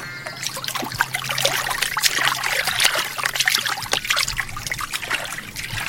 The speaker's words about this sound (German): Ganz mutig steigen die beiden zum Fluss runter und springen in das Wasser, wenn das nur gut geht.